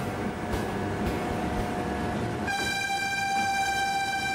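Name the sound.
train pulling into station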